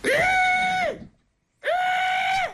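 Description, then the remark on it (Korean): A voice imitates a water deer's cry: two loud, shrill, sustained screams with a harsh, harmonic-rich tone, each about a second long, separated by a brief pause of silence. “고라니 우는데, 저 처음 들었네.”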